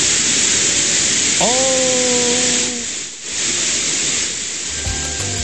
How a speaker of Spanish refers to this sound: Así, lo que se escucha, lo que usted escucha hasta ahora. No nos fuimos a negro, ni es sonido estático. No. Es la lluvia que está cayendo, pero con maldad en Concepción. Así está sonando a esta hora.